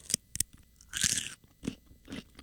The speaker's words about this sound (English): Hey, peep this celery crunching ASMR real quick, okay? Let's hear it.